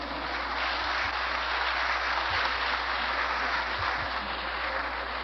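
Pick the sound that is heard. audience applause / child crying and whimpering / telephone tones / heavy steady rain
audience applause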